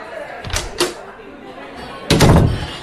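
A door opens as someone walks in: two quick clicks of the latch and handle, a short pause, then a fuller thump as it swings open and bumps against its frame.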